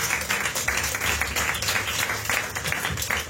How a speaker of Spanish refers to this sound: Y lo hecho, dale esa ofrenda de palmas al Señor.